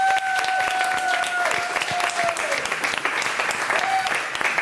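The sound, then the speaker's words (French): An audience at the Collège des Creusets applauds steadily for several seconds for the chef who cooked for them all week, a dense crackle of many hands clapping at an even loudness, with a thin sustained tone sounding faintly through the first half. “déjà on peut l'applaudir. Bravo!”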